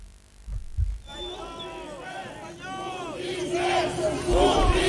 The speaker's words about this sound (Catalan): Aquest so és, per exemple, de fa ja uns anys, crits de botiflers que alguns assistents feien a líders d'Esquerra Republicana.